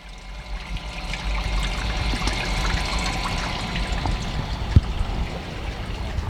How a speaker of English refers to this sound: And the creek has always been an influence on me in various ways. Ecologically, the flow of water, and also materials like, the greenery, the mud, which I've used in my work, probably as a direct reference to when it's at low tide,